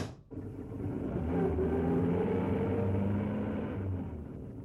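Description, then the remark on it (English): A heavy truck rumbles past, its deep engine drone swelling within the first second or so, holding steady, then easing off toward the end. No voices are heard. “Yeah, I think he just got his marching orders from that truck.”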